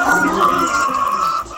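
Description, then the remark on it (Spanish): Hens cluck and murmur together in a steady chorus with no pauses while eggs are collected early in the morning, fairly loud, their calls blending into one continuous flock sound with no talking over it. “Mira, ahí se escuchan las gallinas.”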